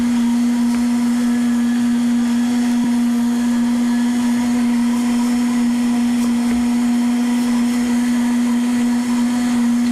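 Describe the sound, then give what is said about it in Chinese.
A blender runs steadily and loudly for the full stretch while blending green curry paste for one minute, a constant motor whine with a strong steady hum and a broad whirring rush over it, no voices heard. “对啊， 对，好，那我们打一分钟。”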